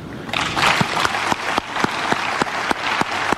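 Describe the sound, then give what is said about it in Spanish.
A crowd applauds the Orquesta Sinfónica de Colina, the dense clatter of many hands filling the space, with a few sharper individual claps standing out in a loose rhythm. No one speaks over it. “Pero primero quiero que le demos un gran aplauso a la Orquesta Sinfónica de Colina.”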